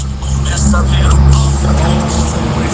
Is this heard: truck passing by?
yes